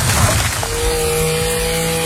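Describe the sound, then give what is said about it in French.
A small two-stroke brush cutter engine runs at a steady high pitch at constant throttle, loud, with a buzzing, even drone throughout and no talking. “Débroussailleuse.”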